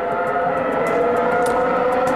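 A Formula 1 engine screams at a loud, sustained high pitch, holding a dense, steady whine for a couple of seconds with faint rhythmic pulses riding on top.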